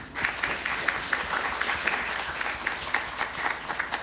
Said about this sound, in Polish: Brawo dla tego pana. Wszyscy już mieli brawa oprócz państwa. To brawa dla państwa.